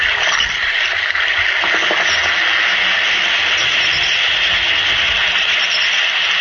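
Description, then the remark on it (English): An Alka-Seltzer effervescent tablet fizzes steadily in water, a loud, continuous crackling hiss with tiny popping bubbles that holds even for several seconds, with no voices. “Listen to it fizz.”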